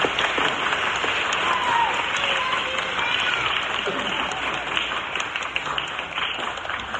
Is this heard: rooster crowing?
no